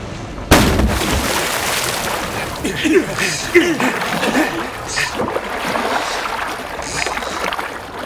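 Oars dip and splash repeatedly as a small boat is rowed to Jeju Island by Weltevree and two sailors, with sloshing water and a sharp thud near the start, all over a steady wash of background noise.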